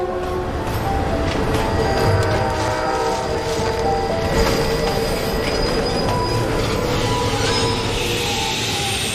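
A train on a winding mountain railway between Tiekou and Xinliang stations, climbing through three Z-shaped gentle slopes, rolls steadily along the tracks with a constant rumble. High metallic wheel squeal and clatter run throughout, with no voices.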